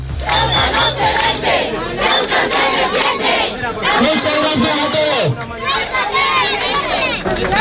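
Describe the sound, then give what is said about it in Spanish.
A large crowd of hundreds of residents protesting in Ceuta chants slogans in unison, such as "Ceuta no se vende, Ceuta se defiende", loud and rhythmic, with many voices shouting together over a dense, continuous roar of the gathering. “Ceuta no se vende, Ceuta se defiende, gritan antes de que mañana se reúna el Ministerio de Sanidad con las comunidades para tratar la situación en la ciudad autónoma.”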